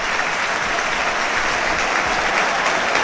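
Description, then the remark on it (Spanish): A stadium crowd on its feet in the stands gives Paco Salinas a steady, loud ovation, dense clapping filling the whole three seconds with no pauses and no voices standing out. “Mira, ahora el aplauso a Paco Salinas, qué grande.”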